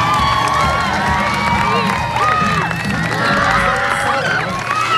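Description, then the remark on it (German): A crowd of schoolchildren in Hohlweide cheers and shouts at a surprise band performance at their school, held when class would have started, with many overlapping high-pitched voices, squeals and whoops forming a loud, dense, excited din throughout. “So klang das in Hohlweide die Tage.”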